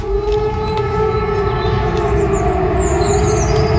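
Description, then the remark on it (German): During a nationwide warning day test, a steady, loud siren drones continuously over a rumbling low background, while higher warbling phone emergency alert tones rise and fall across the second half. No one speaks. “Auch irgendeine Sirene, die anging.”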